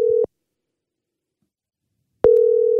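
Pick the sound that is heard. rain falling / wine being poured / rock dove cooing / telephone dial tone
telephone dial tone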